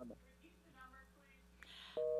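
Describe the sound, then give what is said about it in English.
A loud, steady electronic telephone-line tone cuts in abruptly at the very end, after a phone call ends, following a stretch of quiet line hiss and faint murmuring. Only the start of the beep is heard. “Otherwise, all we're going to hear is beep, beep, beep, beep, beep, beep, beep.”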